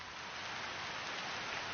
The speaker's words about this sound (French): Janvier 1955, Connecticut. Je regarde la pluie qui tombe sur le jardin. Que c'est doux.